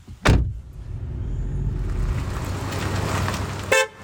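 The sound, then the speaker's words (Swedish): A small red car's door thuds shut as people get in, in Påryd, followed by a steady low engine rumble inside the car and a brief horn toot near the end. “Nu sätter vi oss i din lilla röda bil.”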